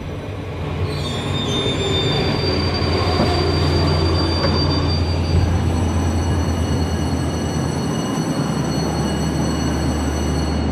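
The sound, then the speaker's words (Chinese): A train rumbles in loud as it arrives at its terminus, Lhasa station, its wheels squealing with high, steady metallic tones as it brakes. The low roar shifts and settles near the end as it slows toward a stop. “前方到达终点站拉萨站，请带好随身物品，有序下车。”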